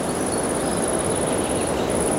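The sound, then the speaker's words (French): A high-pitched insect trill rings steadily in a forest, breaking off briefly just before the end before resuming, over a constant hiss of outdoor background noise. No voices. “Le son aigu de l'insecte”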